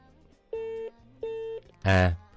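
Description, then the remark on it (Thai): Two steady, evenly spaced telephone beeps after a caller's phone call cuts out, each lasting under half a second, followed by a brief, louder burst of sound at the end. “โทรศัพท์เพิ่นบ่ดีไปเปลี่ยนหน่วยใหม่เด้อบางท่านก็สิเป็นแบตเตอรี่มันมักตัดเด้อ”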